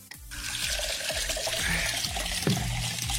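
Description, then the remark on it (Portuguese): Water pours steadily into a large glass, a continuous splashing stream with bubbling and a few sharper gurgles as it fills, with no talking. “Respire fundo, tome uma água. É um copão de água aqui, ó.”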